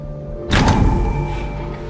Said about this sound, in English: A door opens.